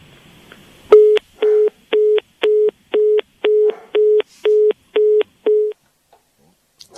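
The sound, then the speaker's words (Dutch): A telephone busy tone, after the phone line drops, sounds loud and clear: about ten steady beeps pulsing at an even quick rhythm, then stopping abruptly, with near silence before and after. “En toen viel de telefoonlijn weg.”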